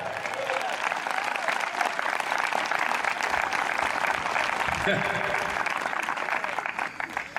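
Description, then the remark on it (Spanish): An audience claps steadily for several seconds, a dense, even wash of many hands with a faint murmur of voices underneath, holding constant loudness before easing slightly at the end. “Dele fuerte ese aplauso, pues.”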